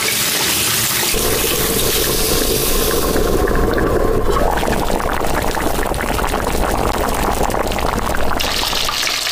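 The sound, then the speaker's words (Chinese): A Wagyu beef and passion fruit sour soup hot pot boils, a dense, steady bubbling and seething that fills the whole stretch with no pauses and no voices. “我觉得要给大家上一个开胃的酸的，就是我们这个小野和牛百香果酸汤锅。”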